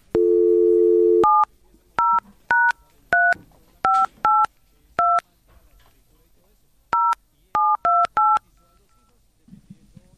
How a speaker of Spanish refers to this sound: El teléfono no timbra. Es un teléfono raro. Es un teléfono... tema de señal, posiblemente.